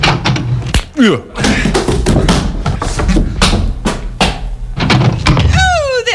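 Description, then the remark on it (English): The door of a shack on the outskirts of Midland City bangs several times in quick, uneven succession as someone puts a shoulder against it, each a loud thud, mixed with short squeaky, swooping vocal noises. “Well, now I usually place my shoulder against the door thusly and announce myself.”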